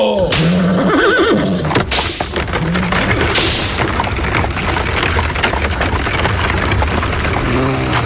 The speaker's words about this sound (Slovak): Švihni kone, kočiš, nech sme čím skôr doma. Hio!